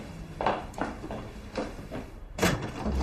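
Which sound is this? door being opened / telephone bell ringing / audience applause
door being opened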